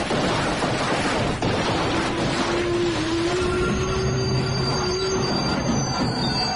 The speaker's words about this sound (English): Sound enough that when word of it reached London, I had no choice but to lead a posse that arrived just as Moriarty's men were moving in to seize the train. The tracks! Look out! The brakes!